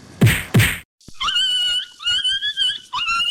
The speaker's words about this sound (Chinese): 哎呦，你这是要把狗啊打死哦？ 阿嬷，这是在虐待动物哎